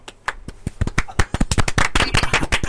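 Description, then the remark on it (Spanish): Applause from a small group for a contestant who answered a Bible quiz question correctly: sharp, irregular claps that start sparse and quickly thicken into a steady, fairly loud patter lasting a few seconds, with no talking over it. “Un aplauso para mi hermano.”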